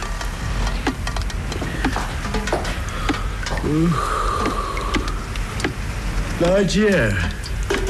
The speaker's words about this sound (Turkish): yağmur yağıyor de. Akıl ver bana, ne yapayım? Oturup dua et, belki diner, ben uyuyacağım. Tencerelerle kovaları koyayım bari ha, akan yerlere, ne dersin?